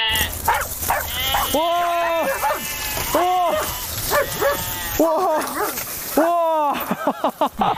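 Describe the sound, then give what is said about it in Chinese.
Several goats bleat in long, wavering cries, repeating every second or two, while a sheepdog named Jiji barks in short bursts among them as it drives the herd home. “哇，这牧羊犬果然名不虚传哇！”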